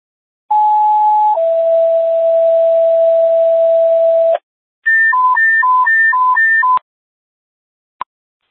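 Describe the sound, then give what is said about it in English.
A fire station emergency alert tone played during a radio test of station tones: a loud, steady electronic tone that drops slightly in pitch and holds for several seconds, then a rapid high-low warble. A short click follows. “Station 1, how do you copy on emergency tone?”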